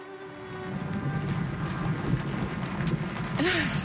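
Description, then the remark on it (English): Steady rain hisses throughout with a low rumbling undertone, even in loudness, ending with a brief rising breathy vocal sound. “Does it always rain at Thornfield?”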